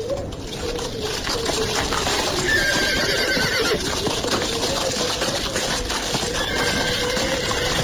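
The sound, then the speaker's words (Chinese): A horse-drawn carriage carrying Li Dazhao and his wife hurries back to Houzha Hutong, rolling along with steady clip-clopping hooves, and a horse lets out a whinny partway through over the continuous rumble of wheels. “李大钊夫妇是乘马车急速赶回后闸胡同的。”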